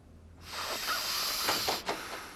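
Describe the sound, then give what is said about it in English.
Someone sniffs household chemical fumes in a long, breathy hissing draw that starts abruptly and holds steady for about two seconds, with a brief catch near the end. It is moderately loud, with no talking. “Are you trying to kill yourself? Sniffing that stuff?”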